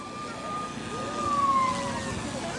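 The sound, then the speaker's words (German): A faint emergency siren (Martinshorn) tone is played from a small loudspeaker on a drone, holding a steady pitch with a slight rise and fall over a continuous background rumble, quiet and thin throughout. “Ah, ganz leise, okay. Das Martinshorn.”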